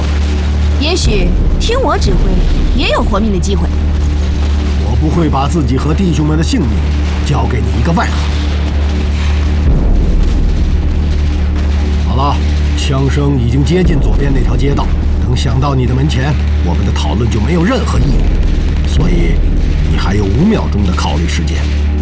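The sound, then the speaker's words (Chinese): Gunfire crackles in scattered bursts and explosions boom low and steady beneath a man speaking, a continuous rumbling battle in the background throughout, the gunfire having reached the street to the left. “好了，枪声已经接近左边那条街道，等响到你的门前，我们的讨论就没有任何意义。”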